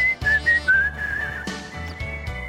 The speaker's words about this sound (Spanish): A ver, tratemos de silbar, a ver.